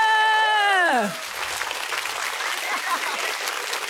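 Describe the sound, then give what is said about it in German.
A long shouted voice slides downward in pitch, then an audience at the Smash Comedy Show breaks into steady, dense applause that keeps going at an even level for several seconds. “Kann man ruhig mal klatschen an der Stelle.”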